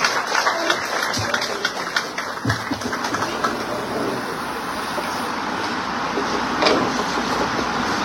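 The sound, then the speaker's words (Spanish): A crowd applauds steadily for a congresswoman invited to speak on Tacna, regional security, border and development, a dense wash of clapping that stays fairly loud and even for several seconds with no one speaking over it. “Un fuerte aplauso, por favor, para la diputada Esbieta Fernández.”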